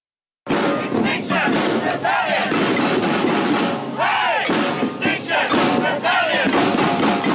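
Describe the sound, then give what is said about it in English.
A large crowd of climate protesters, sounding the alarm over global warming, shouts and chants loudly and continuously, voices rising in repeated surges, with no pauses across the stretch. “Climate protesters are using increasingly dramatic tactics to sound the alarm over global warming.”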